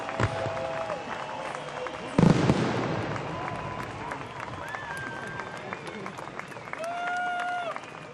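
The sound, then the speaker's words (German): A large outdoor crowd at the closing fireworks of Rhein in Flammen 2026 in the Bonner Rheinaue, Bonn, claps and cheers steadily, with a sharp firework bang early on, whistles rising above the applause and voices murmuring throughout. “Es wird geklatscht, es wird gejubelt und ich glaube, der ein oder andere hatte auch ein Tränchen im Auge.”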